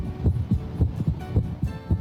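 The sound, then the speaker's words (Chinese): A muffled heartbeat heard through a stethoscope: steady, low thumps repeating quickly and evenly over a faint background hum, clear with no voices. “正常的心跳声音是有规律的，我们的心跳频率是每分钟50到100次，如果听到的速度低于50或者高于100，那么就要怀疑存在着心动过缓或者心动过速。”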